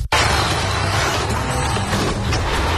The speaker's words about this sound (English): It's a hard hit. Looks like your car just got body checked by Life.